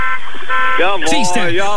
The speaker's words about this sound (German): Hier hupt schon. Das sind wahrscheinlich die, die gerade FFH hören. Ja, wenn genau. Ihr FFH hört, hupt jetzt. Jetzt hupt ihr überall.